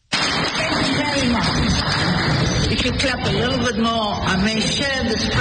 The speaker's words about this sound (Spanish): Si aplauden un poco más, tal vez comparte este premio con Trump.